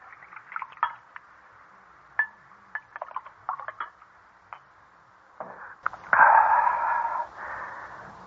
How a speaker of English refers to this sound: All right, sit down and pour the wine